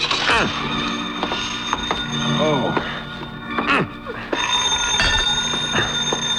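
A telephone rings loudly and steadily with a bright, metallic bell tone, jangling on for several seconds, while faint thumps and shuffling movements are heard in the background, in the radio drama Jeff Regan, Investigator.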